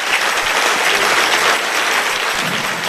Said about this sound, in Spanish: Si ese es el aplauso, dáselo mejor a tu padre.